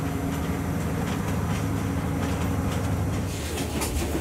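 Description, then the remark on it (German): A train that has climbed four levels up to the height of a plateau rumbles steadily along the rails with a dense low-frequency roar, faint rattling and scattered metallic clicks over a constant loud drone; no one speaks. “Nach 4 Etagen befindet sich der Zug auf dem Niveau der Hochebene.”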